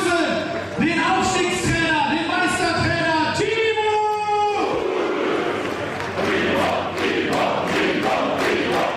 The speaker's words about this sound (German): Draußen bei den euphorisch gestimmten Fans entfachte dann doch einer den größten Jubel beim gemeinsamen Feiern.